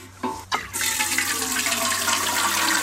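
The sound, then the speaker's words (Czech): A couple of quick clunks, then a steady, fairly loud rush of water pouring from a watering can onto tomato plants, continuing without a break to the end, with no talking. “Tak vem konev a jdem to ještě dozalívat.”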